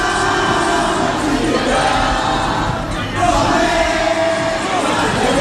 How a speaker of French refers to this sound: L'ambiance paraît presque bon enfant. Des lycéens rassemblés, des slogans et bientôt la Marseillaise entonnée par la foule.